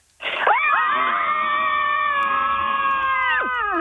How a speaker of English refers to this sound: Join us for Scream Club. Girls, on the count of three, let it all out.